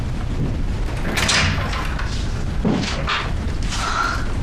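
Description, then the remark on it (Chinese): An office door swings open as someone enters without knocking, with a few dull knocks and a heavy thud, the handle and frame rattling against a low, rumbling background. No one speaks. “怎么不敲门啊”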